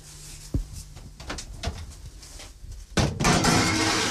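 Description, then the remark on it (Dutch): A baking dish of apple slices with butter and cinnamon goes into an oven to bake about 10 minutes: a hollow thump and a few light clinks and scrapes, then a loud, sustained rushing clatter as the door and dish settle. No one speaks. “En nu zal ik de schaal in de oven steken.”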